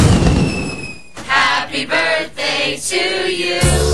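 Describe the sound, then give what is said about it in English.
A steady high whistle gives way to a run of loud fireworks explosions at a 250th celebration fireworks show, booming bursts followed by dense crackling and sizzling that continue in quick succession. “Help make this year's 250th celebration the most fabulous fireworks show yet.”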